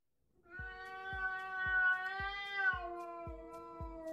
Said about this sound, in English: and that yowling sound is my cat, Ollie. He's just spotted his number one enemy,